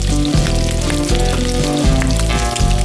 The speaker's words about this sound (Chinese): 热油为饼胚镀上金黄